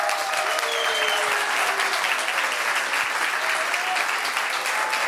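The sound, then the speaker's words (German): A large audience applauds steadily for several seconds to welcome Atze Musiktheater founder Thomas Sutter, a dense, even wash of clapping at a constant loud level with no pauses and no one speaking over it. “Bitte begrüßen Sie mit mir mit einem großen Applaus den Atze Gründer, Geschäftsführer, Regisseur und künstlerischen Leiter Thomas Sutter.”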